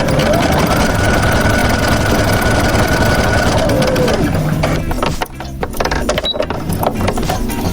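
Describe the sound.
A sewing machine runs steadily with a fast, even mechanical clatter in the textile lab of a fab lab, an open makerspace with 3D printers and a CNC mill. The stitching rhythm shifts slightly partway through, and faint voices murmur in the background.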